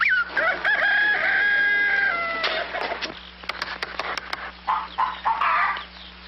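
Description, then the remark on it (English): A rooster crows loudly in one long, drawn-out call, followed by a scatter of sharp clicks and then a few brief bursts of hen clucking. No one speaks. “I'm going to tap every one of those hens like finding the one that lays the golden egg.”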